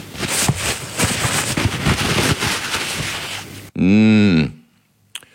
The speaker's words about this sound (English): I'm scratching around in my cutlery in the bottom of the sink.